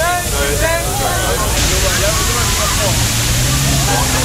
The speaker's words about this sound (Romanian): În centrul Berlinului, jandarmii au folosit tunurile cu apă ca să răcorească oamenii.